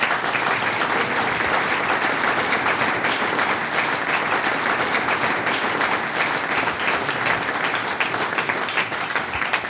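Steady, loud applause from an audience, a dense wash of many hands clapping without pause for about ten seconds, with no voices standing out.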